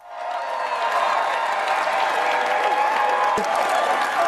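A large crowd of supporters in Britain applauds Keir Starmer after his general election victory as he walks toward the Black Door, a dense wash of clapping with scattered cheers mixed in, loud and sustained throughout without letting up.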